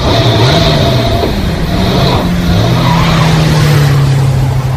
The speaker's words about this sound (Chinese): 半个小时以后，哨长带着四个战士和池田、廖飞一起乘着卡车上了路。